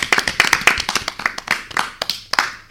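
An audience claps in a loud burst of sharp, overlapping hand claps with an uneven, quick rhythm, lasting a few seconds with no voices over it.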